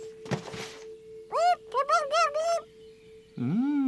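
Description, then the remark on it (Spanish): A short thump, then a quick run of five or six loud, squawky bird chirps, followed by another drawn-out call near the end, all over a faint steady hum. “¡Cuidado, pájaro!”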